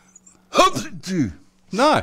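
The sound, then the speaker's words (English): A person mimics a sneeze with their voice, three loud, drawn-out vocal bursts with falling pitch, separated by brief pauses, and no other talking. “No, I've never heard anybody sneeze like that.”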